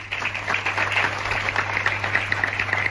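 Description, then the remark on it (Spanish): Steady applause from the citizens of San Vicente after a silence and a manifesto reading by the mayor at the government subdelegation, a dense continuous patter of many hands clapping at an even level throughout, with a low constant hum underneath and no voices. “Son los aplausos de la ciudadanía de San Vicente tras ese silencio y tras la lectura de un manifiesto por parte del alcalde en la subdelegación del gobierno.”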